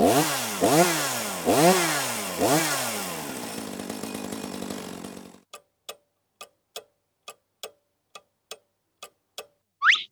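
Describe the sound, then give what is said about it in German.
A firefighters' chainsaw of the kind used to fell trees roars, revving loudly in several rising surges for about five seconds before cutting out, followed by a steady, evenly spaced ticking like a clock. “Genau, so ein Krach macht die Kettensäge, die die Feuerwehrleute brauchen, um zum Beispiel Bäume fällen zu können.”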